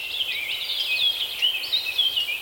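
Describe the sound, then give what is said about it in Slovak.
A dense chorus of high, twittering birdsong in a mountain forest fills the air continuously, with many overlapping chirps and trills blending into a steady bright wash, like several birds singing at once. “Tak som sa túlal horou a počúval som lesnú hudbu.”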